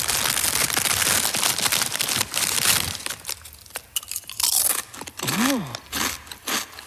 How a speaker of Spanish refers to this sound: que mete al inicio de la canción como saca unas patatas fritas y se las come.